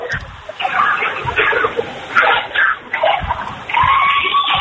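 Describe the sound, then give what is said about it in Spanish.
A crowd shouting at once during a tense eviction, many overlapping raised voices forming a continuous, chaotic roar with sharper yells cutting through, heard over a thin, band-limited line as if from a phone. “Es un momento de mucha tensión, muchos gritos.”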